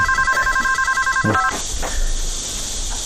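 A telephone rings with a steady electronic warble of rapid pulsing tones for about a second and a half, then cuts off, leaving faint room noise behind.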